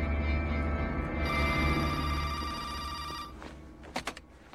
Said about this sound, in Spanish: Danny se gira y contesta el teléfono.